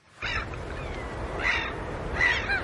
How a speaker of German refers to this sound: Möwen und Wellen.